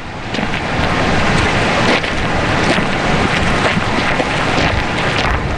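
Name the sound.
river water flowing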